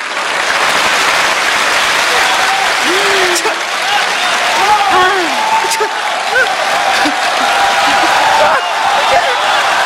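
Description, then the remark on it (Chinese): Steady, dense applause from a crowd fills the whole stretch at an even, loud level, with a few faint voices and scattered calls rising above the clapping. “就这样仍然坚 直鼓掌。”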